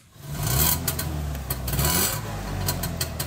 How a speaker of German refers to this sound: So klingt der Trabi der Familie Wöhlbier.